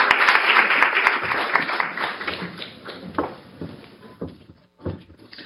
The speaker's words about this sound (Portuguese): Venha dar uma palavra e uma salva de palmas para ela.